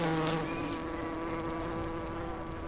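A bee buzzes steadily in flight, its droning hum wavering slightly in pitch over a few seconds with no voices present.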